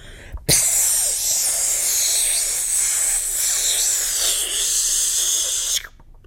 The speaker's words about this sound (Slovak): Jediné, čo ju bavilo, bolo sprejovanie hákov a bákov po múroch.